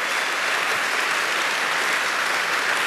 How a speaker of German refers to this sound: Also, der Applaus muss jetzt nach oben gehen, aber jedenfalls waren sehr starke Worte eines Philosophen, der sich selber als religiös und musikalisch erklärt hatte.